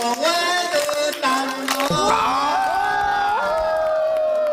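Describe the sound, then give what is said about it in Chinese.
A lively crowd cheers and whoops loudly and continuously, with scattered clapping mixed into the sustained chorus of raised voices, at a Yao family welcome ceremony where guests are offered specially made Yao bamboo-tube wine. “哎，鼓掌。”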